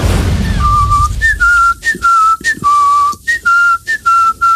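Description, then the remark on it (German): A person whistles a catchy song that is stuck in his head, over and over again: clear sustained notes with short slides between them, phrased in a bouncy repeating pattern with brief gaps, heard alone without talking. “Es fing damit an, dass er einen Ohrwurm hatte und diesen Song immer und immer wieder gepfiffen hat.”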